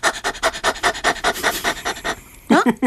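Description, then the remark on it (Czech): A person imitates a dog's panting as a warm-up breathing exercise to activate the diaphragm: quick, rhythmic, breathy huffs, roughly a dozen in a steady run, fairly loud, followed by a brief vocal sound at the end. “No dobře, a vy to takhle nadechnete, pak to pěkně pustíte, no ale no, zároveň jo, a taky nejlepší je na rozhýbání, tak je dělat takovýho toho psíka.”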